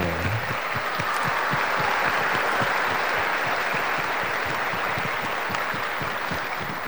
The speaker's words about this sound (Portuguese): Está apresentado aqui para nós, que a gente acolhe com as palmas,